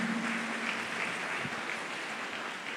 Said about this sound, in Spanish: ¿Cuánto le damos ese fuerte aplauso en nuestro Rey Celestial? Amén.